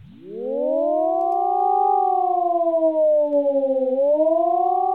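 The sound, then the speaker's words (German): A loud wailing civil defense siren, sounded shortly after 10 a.m. across the whole country in an annual test alarm checking that all siren systems work, rises from low to a sustained high tone, then slowly dips and climbs again in a long continuous howl, with no one speaking. “Diese heulende Sirene war hoffentlich heute um kurz nach 10 Uhr im ganzen Land zu hören.”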